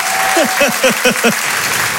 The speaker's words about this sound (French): Faites du bruit, s'il vous plaît, un tonnerre d'applaudissements